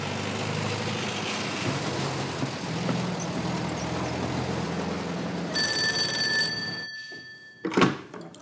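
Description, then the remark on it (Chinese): After several seconds of steady low rumble, a telephone rings with one bright, sustained burst lasting about two seconds as someone places a call to check something, followed by a sharp click as the line goes quiet. “哦，你稍等一下，我打个电话核实一下。”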